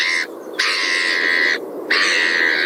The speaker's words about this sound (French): les jolies mouettes dis donc.